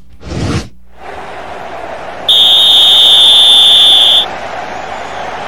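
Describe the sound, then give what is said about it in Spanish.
A referee's whistle sounds one long, steady, shrill blast lasting about two seconds, marking the end of the first half of a football match between Gallos Blancos and América. It is loud over a constant wash of background noise, with a brief whooshing burst just before it. “Silbatazo del primer tiempo”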